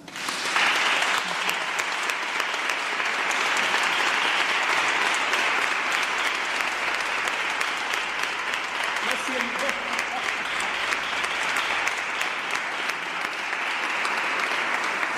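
Sustained audience applause in recognition of the governing board (Junta de Gobierno) of a religious brotherhood, a dense steady wash of many hands clapping that starts abruptly and holds at an even, loud level for about fifteen seconds.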